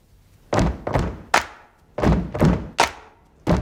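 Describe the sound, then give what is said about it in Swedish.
Heavy, booming stamps from a group of people's feet on drum risers land in a rhythmic pattern, three thuds, a short gap, three more, then a single stamp, with no talking. “Stamp to this beat.”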